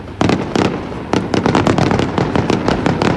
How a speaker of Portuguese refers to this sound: Fogo de artifício para assinalar a entrada no 10 de junho. Centenas de açorianos juntaram-se ao Presidente da República e a membros do Governo na Baía de Angra para assistir ao espetáculo.